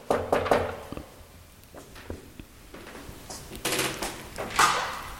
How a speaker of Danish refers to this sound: Og jeg prøver lige at se, om jeg kan finde døren her, hvor jeg skal mødes. Ja, den er her. Jeg banker på.